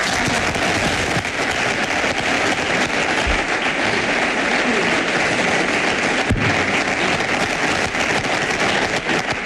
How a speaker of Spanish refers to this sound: Orgullosos de que vuelva uno de los mejores entrenadores del mundo, un madridista como es José Mourinho. aplausos.